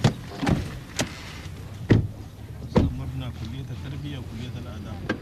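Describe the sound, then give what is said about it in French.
Someone gets into their car to drive across a large campus: several sharp clunks and clicks of doors and handles, spread across a few seconds, then a steady humming whir like a power window moving. “Le campus est très grand, donc on va devoir prendre notre voiture.”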